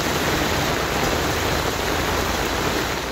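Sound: heavy rain downpour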